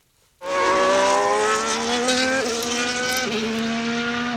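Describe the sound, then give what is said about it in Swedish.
A racing car engine roars in suddenly and holds a loud, high-pitched howl, its pitch climbing in steps as it revs and accelerates through gear changes, with no talking. “Vi gasar vidare.”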